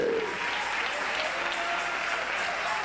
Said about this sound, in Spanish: Dale unas palmas al Rey de Reyes, Señor de Señores.